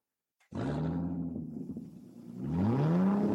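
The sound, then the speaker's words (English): A car engine roars to life suddenly and revs loudly, dipping briefly before climbing again in pitch, with no voices. “You like the sound of that, don't you? Well, that's what you get at Eden's Travels Car Rentals and Travel Services.”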